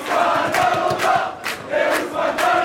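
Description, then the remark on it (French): A crowd of PSG football supporters cheers and chants loudly in a Parisian bar on rue Raymond Losserand in the 14th arrondissement after a penalty shootout win in the Champions League. Voices rise in rhythmic bursts of a sung chant, steady and energetic throughout, with no single speaker standing out. “Des cris de liesse dans ce bar parisien où Benjamin Illy a suivi la rencontre.”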